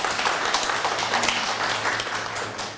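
Students in a classroom clap together for a classmate in a steady, dense burst of applause, moderately loud and lasting a few seconds without any talking.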